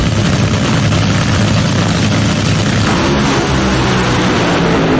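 A drag racing car engine idles loudly, a deep, steady, rough rumble with throbbing low tones that holds for the full five seconds with no voices.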